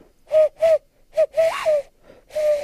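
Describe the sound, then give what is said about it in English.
A person imitates a loon call with a series of breathy, hooting tones, one bending up into a wavering swoop, ending on a longer held note; fairly loud, no talking. “It's a loon.”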